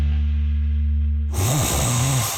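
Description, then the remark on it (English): A person snoring loudly: a low, rattling buzz on the inhale that breaks into a rough, breathy snort on the exhale, with no talking. “Sound familiar? At Mattress Firm, we understand there are many problems that can keep you up at night, like snoring, aches and pains, or sleeping hot.”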